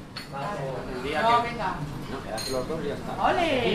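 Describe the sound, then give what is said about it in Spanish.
Busy café ambience at the start of the day in Logroño, with dishes and cutlery clinking steadily, layered under a murmur of indistinct voices chatting throughout. “Comienzo del día en una cafetería de Logroño.”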